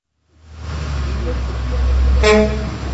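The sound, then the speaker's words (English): A heavy engine rumbles in as a large Royal Iranian Travel bus pulls up in Istanbul at about 6:30 in the morning, then a short horn toot sounds near the end over the idling motor. “A bus that says Royal Iranian Travel just pulled up, and more than a dozen people just walked out of the bus.”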